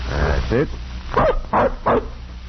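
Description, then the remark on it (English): A bloodhound puppy barks and yips while being given the scent of a shirt to track, giving four short, high, bright bursts spaced unevenly over a couple of seconds against a low, steady background rumble. “We're giving the bloodhounds a scent now.”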